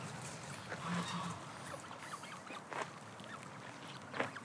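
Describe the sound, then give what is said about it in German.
Geese from a goose family honk a few times, short nasal calls scattered over a steady rush of wind and outdoor background noise, with no one speaking. “Diese Gänsefamilie ist ein Volltreffer.”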